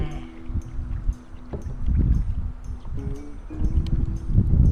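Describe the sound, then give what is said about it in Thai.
Paddles dip and splash in shallow water at an uneven, repeating rhythm as a small boat is paddled for sightseeing, with low rumbling and light wind buffeting the microphone throughout. “แต่ก่อนเล่นน้ำก็พายเรือชมบรรยากาศชมวิวกันก่อนนะคะ”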